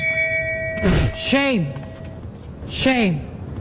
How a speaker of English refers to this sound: By the way, somebody says they love the shame bell. It's hilarious.